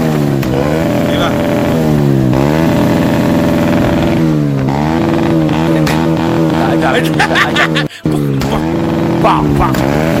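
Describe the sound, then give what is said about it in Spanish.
A loud motorcycle engine revs repeatedly, its pitch climbing and dropping in waves throughout, with a brief cut in the sound near the end before the roaring resumes. “Un día auto, un día moto. Un día auto, un día moto. Escucha, escucha.”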